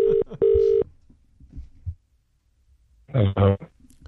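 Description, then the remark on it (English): A phone line beeps with a couple of short electronic tones and then a longer steady ring tone, followed by a quiet pause and a brief groggy voice picking up: an early-morning 6:40 a.m. call from radio hosts to a baker who was still asleep. “Yeah, so we called him early this morning to see how his pies were going, and this was his reaction.”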